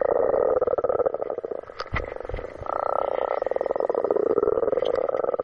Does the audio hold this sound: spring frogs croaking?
yes